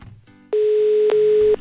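A steady telephone dial tone hums loudly for about a second as a call is being placed, briefly interrupted once partway through, then cuts off. No one speaks; only faint background noise comes before it.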